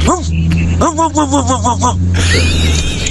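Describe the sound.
A human voice imitates a dog with a nasal, stuffy tone: one bark-like yelp, then a quick run of about seven rising-and-falling whines, followed by a noisy burst and thin whistling tones.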